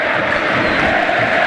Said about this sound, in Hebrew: ואתם שומעים את הקהל שלה בטירוף. מה זה בטירוף?